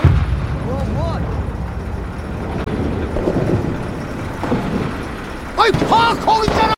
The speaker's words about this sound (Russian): А что взрывается? Армию уже привели? Ну или минное поле рядом на границе.